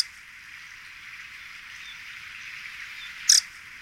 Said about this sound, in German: Und versuche dann diesen sehr hübschen Vogel zu spotten. Ja, der Zwergschnäpper ist bei uns hier tatsächlich so an seiner westlichen Verbreitungsgrenze, deswegen kennen die westdeutschen Ornithologen den dann eher nicht